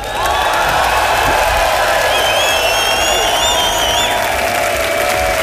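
Loud, sustained applause from a large crowd welcoming a band that is celebrating 50 years, with scattered whistles and cheers rising over the steady clapping.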